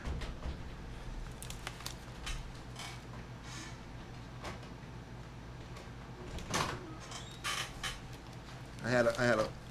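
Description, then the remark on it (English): A studio door is unlatched and opened to let in a daughter who had locked herself out, with scattered clicks, thumps and shuffling, then a short creaking squeal near the end, while faint voices murmur in the background. “I'm going to let her in the studio. She kind of locked herself out.”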